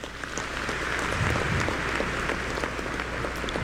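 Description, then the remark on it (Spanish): A crowd applauds steadily for music teachers and children, dense overlapping claps at a fairly loud, even level for several seconds, with no one speaking over it. “Un aplauso, claro.”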